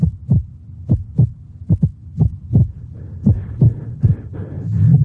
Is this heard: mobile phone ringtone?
no